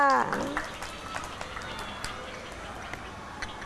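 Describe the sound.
A group of children claps their hands in scattered, uneven applause that continues steadily for a few seconds, with a brief voice heard at the very start, applauding a child who helped the teacher add sausage to a dish during a class cooking activity.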